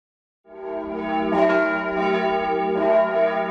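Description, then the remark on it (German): Church bells of the St. Georg town church in Mansfeld ring out together calling to a church service in late June 2026, in a rich, sustained peal, several overlapping strikes blending into a continuous resonant wash with no voices. “Die Glocken der Mansfelder Stadtkirche St. Georg riefen an diesem Tag Ende Juni 2026 zu einem ganz besonderen Gottesdienst.”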